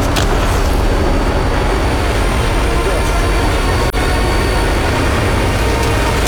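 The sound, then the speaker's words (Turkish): A loud, steady aircraft engine roar before takeoff, a dense droning rumble that never lets up, with faint indistinct voices buried beneath it. “Buradan nasıl havalanacağız?”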